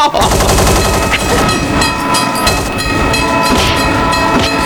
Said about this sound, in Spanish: Choque de trenes en el Garden. Ahí los trenitos ya están llegando